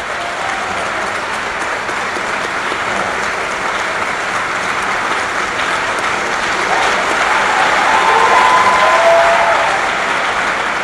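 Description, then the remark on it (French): An audience, led by priests and nuns, claps for the laity in a dense, steady, continuous wash of applause lasting about eleven seconds, swelling louder toward the end, with faint voices mixed in. “Alors nous les prêtres, les religieuses, acclamons les laïcs, applaudissons pour les laïcs.”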